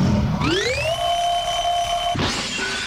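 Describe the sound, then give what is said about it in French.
A loud electronic alarm clock tone, about 80 decibels, rises in pitch, then holds a steady, piercing note for about a second before cutting off into a burst of harsh noise. “Ceci était un réveil, je ne vous apprends rien.”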